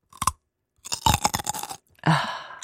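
Loud, wet crunching as someone bites and chews a crisp apple or carrot: a short bite, a pause, then a rapid run of crunches and another loud chomp, with no talking.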